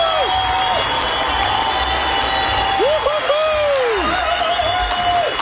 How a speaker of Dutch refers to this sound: omdat jij in de jeugdzorg gewoon door hebt gewerkt, krijg jij van iedereen in dit studio applaus een staande ovatie!